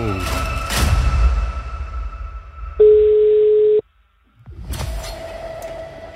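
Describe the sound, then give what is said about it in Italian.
The first ring of an outgoing telephone call: a single steady ringing tone sounds for about a second, a plain mid-pitched beep, loud and clear, with muffled background noise before and after it. “Adesso stanno succedendo cose. Primo squillo.”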